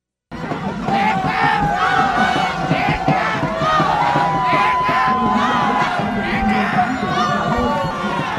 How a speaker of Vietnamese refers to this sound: Tiếng còi kết thúc trận đấu bán kết lượt đi AFF Cup 2026 giữa Malaysia và Việt Nam vang lên, cũng là lúc các cổ động viên tại phố đi bộ Nguyễn Huệ hò hét trong sung sướng.